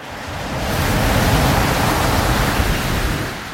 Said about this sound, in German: Ich wollte über alles noch einmal nachdenken und ging zum Strand runter. Das Rauschen und der Geruch des Meeres zogen mich magisch an. Die heranrollenden Wellen wirkten als beruhigender Klangteppich.